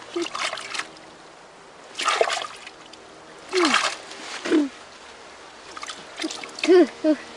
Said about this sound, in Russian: Ой-ой. Фу, как много воды ты плеснул мне, дедушка, в лицо.